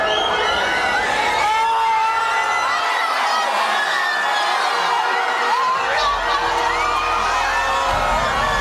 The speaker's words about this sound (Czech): Když přišel první a jediný gól a pak konec zápasu, propukli davy madridských ulicích v totální euforii.